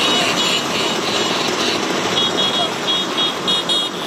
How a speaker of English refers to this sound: Well, one of the country's best-known exports, the Vespa, is celebrating 80 years. Thousands of scooter owners from around the world are parading through Rome.